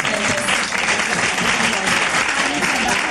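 A crowd applauds steadily, a loud, dense wash of clapping hands that holds at an even level for the full three seconds without fading.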